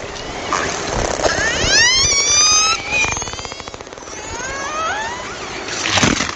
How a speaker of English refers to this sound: These Icelandic killer whales aren't making these sounds for fun. They're using them to hunt their favorite food, herring. That's according to Lee Miller and his colleagues at the University of Southern Denmark, who recorded the sounds.